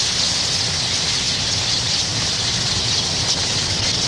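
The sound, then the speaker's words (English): A dense, unbroken wash of countless tree swallows twittering at once in massed autumn flight at Goose Island, blending into a steady, hissing chorus that holds at the same loudness throughout, with no voices. “Soon, all of Goose Island swallows will disappear below the southern horizon for the winter.”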